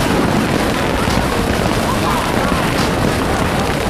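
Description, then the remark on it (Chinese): A dense, unbroken roar of fireworks going off for the Chinese New Year, loud, with crackles and booms blurring into a steady wall of noise; indistinct voices may sit underneath. “但是无所谓了，反正这个穷小子今年也陪我出来过年了，也陪我一起看烟花了。”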